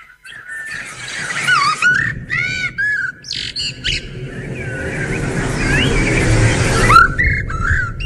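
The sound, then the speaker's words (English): A blackbird sings a string of fluty, warbling phrases broken by short pauses, set against a steady low rumble of traffic that swells toward the end. “So, do you know what the blackbird sounds like? Have a listen. Oh, here he is.”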